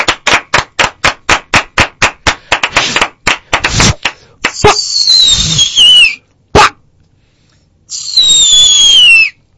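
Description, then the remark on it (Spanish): A rapid, evenly spaced string of sharp cracks and bangs, followed by two hissing firework rockets whose high whistles slide downward, with a single sharp burst between them. “Pero esos voladores están como secos.”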